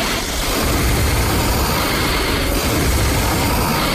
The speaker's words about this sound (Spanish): Pero fíjate, mira, vamos a respirar los tres a la vez.